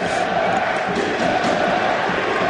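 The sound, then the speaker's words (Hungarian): The Győr home crowd roars and cheers for its team, ETO, during a football match against Riga, in a steady, dense wash of noise, sustained and loud throughout with no breaks. “A győri közönség támogatja a csapatot.”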